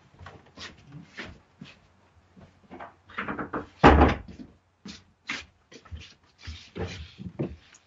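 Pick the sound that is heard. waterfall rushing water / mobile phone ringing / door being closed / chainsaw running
door being closed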